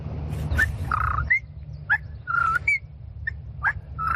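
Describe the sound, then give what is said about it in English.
A person standing in front of a tree whistles an imitation of a whippoorwill call, repeating the rising, slurred phrase about three times in quick succession, fairly loud over a low background rumble. “Next, the purple martin. Whippoorwill.”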